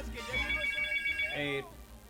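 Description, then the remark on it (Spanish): A telephone rings at a radio station as listeners call in, with a bright, trilling electronic tone lasting over a second, clear, while a voice murmurs faintly underneath. “Ya, conteste el teléfono mejor.”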